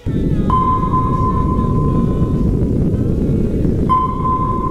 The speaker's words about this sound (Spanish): Este sonido muchos lo identificamos, no porque lo hayamos escuchado en directo, sino por las películas y todo esto, como el sonido de un radar, de un sonar, ¿no?